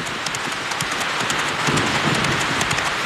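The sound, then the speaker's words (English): Steady, heavy rain pours throughout on a black night, with quick, galloping hoofbeats of a mail rider's horse charging off from Sacramento pattering faintly beneath the downpour. No one speaks. “The first real rider from the West was Billy Hamilton, who received the mail from James Randall in Sacramento and charged off into the black, rainy night.”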